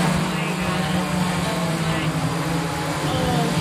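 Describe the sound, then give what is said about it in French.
An Amazon delivery drone flies overhead in Richardson, a town near Dallas, giving off a steady, unbroken buzzing hum with a low tonal whine and broad rushing noise, loud and constant throughout. “Il n'empêche, le bruit exaspère les habitants de cette ville près de Dallas.”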